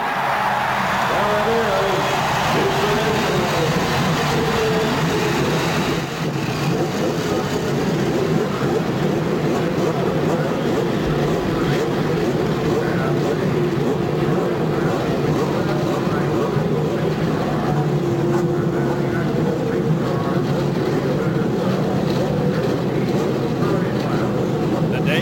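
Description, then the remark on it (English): The engines of 33 race cars start and rumble together on the main straightaway of the Indianapolis Motor Speedway before the 77th running of the race, a loud, continuous mechanical drone that stays steady throughout, with indistinct talk mixed into the noise. “Lady and gentlemen, start your engine.”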